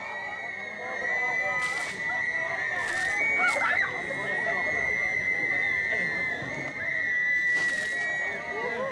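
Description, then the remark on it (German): Several short bursts of splashing water, one after another, as older members throw buckets of cold water over newcomers on a hot day, over a steady babble of a chattering crowd and a thin, sustained whistling tone. “Zum Auftakt eine Ladung kaltes Wasser.”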